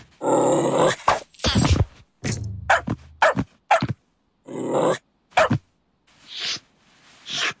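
A dog grunts and barks in a series of short bursts, with low throaty growly sounds mixed between sharper yaps and brief pauses.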